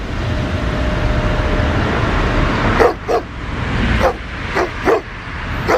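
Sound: stray dogs barking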